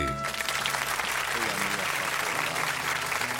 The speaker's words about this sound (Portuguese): Senhoras e senhores, salva de palmas pra ele, né?